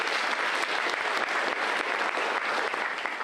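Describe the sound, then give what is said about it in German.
Steady applause for the parents from an audience at the Bauhaus stage, a dense crackle of many hands clapping at an even loudness throughout, with no voices standing out. “Dieser Applaus ist von mir für euch.”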